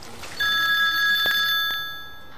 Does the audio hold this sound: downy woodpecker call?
no